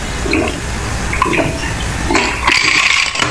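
Liquid pours steadily into a glass during a BP Radio broadcast, a bubbly gurgling stream that grows brighter and fizzier toward the end, with faint clinks and splashes along the way.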